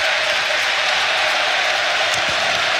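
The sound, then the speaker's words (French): A large football stadium crowd applauds steadily in a dense, continuous wash of clapping at an even, loud level, with no voices standing out. It is a minute of applause held instead of a minute of silence, in tribute to people who died, including former Standard player Blé. “C'est pas vraiment une minute de silence, c'est plutôt une minute d'applaudissement, comme vous l'entendez.”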